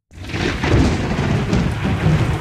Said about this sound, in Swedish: Där börjar åskan slå redan.